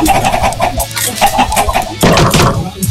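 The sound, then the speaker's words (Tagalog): Five chickens on a small farm kept for eggs cluck in quick, uneven bursts, a busy overlapping chatter of short calls that continues steadily with no one speaking. “So, may mga chicken farm kami.”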